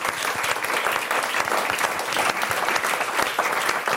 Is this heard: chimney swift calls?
no